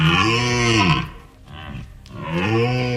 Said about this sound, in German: das war ein Hirschebrüllen